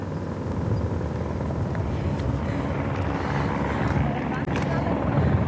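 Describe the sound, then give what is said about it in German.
A rescue helicopter flying low overhead along a riverbed during a rescue, with a person hanging from it being lowered, its heavy rotor thrum loud and steady throughout, a dense pulsing rumble that fills the whole stretch, with faint voices now and then beneath it. “Also, am Hubschrauber hängt jetzt wahrscheinlich ein Luftretter.”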